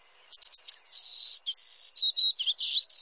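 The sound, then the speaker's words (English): A golden-cheeked warbler, a small songbird, sings a high, buzzy phrase: a few quick clipped notes followed by longer wheezy, sustained buzzes, clear, with no voices or other sounds. “Golden-cheeked warblers can't survive without healthy, mature woodlands.”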